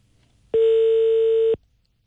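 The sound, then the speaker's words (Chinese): A single one-second telephone ringing tone as a radio programme's call to the Economic Development Zone traffic police brigade connects: a steady, loud electronic beep that starts and stops abruptly, with near silence before and after and no voices. “电话正在接通，我们稍等一下。”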